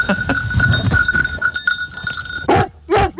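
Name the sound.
rescue dog's bell approaching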